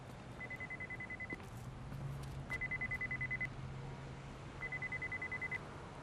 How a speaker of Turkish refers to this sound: Senin telefon mu? Hayır, benimki değil.